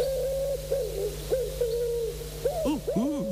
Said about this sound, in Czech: No, tak to je ten náš neoblíbený holub.